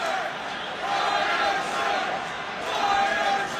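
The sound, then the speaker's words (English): A large baseball stadium crowd chants "Fire Stearns" at a Mets game against the Baltimore Orioles after a home run tied the game. The chant calls for the firing of the Mets President of Baseball Operations, a dense roar of many voices that swells and dips in waves, loud and continuous without any pause. “The screams of Pete Alonso from the crowd pretty quickly turned into something else.”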